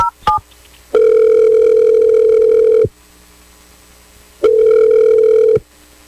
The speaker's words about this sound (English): Hopefully she picks up the phone. I'm going to dial her number right now. Here we go.